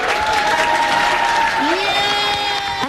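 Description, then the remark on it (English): A room full of health professionals at Mayo Clinic in Rochester, Minnesota, cheers and claps in a loud, steady roar as colleagues throw and drop imaginary balls in a game called Loser Ball. Raised voices and a sustained shout ring above the clamor for about three seconds. “Now, Mayo Clinic in Rochester, Minnesota, a room full of health professionals is cheering on colleagues throwing and dropping imaginary balls.”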